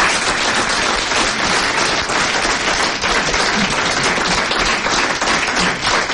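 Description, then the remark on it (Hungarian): A radio cabaret audience applauds steadily for about six seconds to welcome a young comedian, a dense, loud wash of many hands clapping at once with no voices heard over it. “Fogadják nagy tapssal Török Ádámot!”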